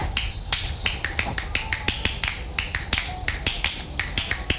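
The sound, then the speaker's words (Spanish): A quick, steady run of light two-finger hand claps, crisp, with roughly four or five sharp taps per second and no voices. “Me gusta cuando se toca con dos. A ver, con dos más difícil.”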